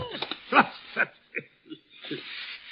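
A dog whimpers and whines in several short, high-pitched bursts, irregularly spaced, with a brief breathy rustle at the end, as it is told to drop a shoe it has been carrying.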